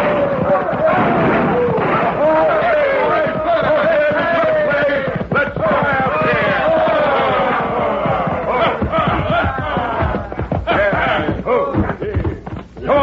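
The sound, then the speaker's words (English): A rowdy group of men on horseback yells and whoops nonstop, loud, as they ride into the town of Dos Rias, with sharp gunshot cracks from their guns popping through the din at irregular moments. “It all started when a crowd of hoodlums rode into Dos Rias, tearing their lungs and triggering their guns.”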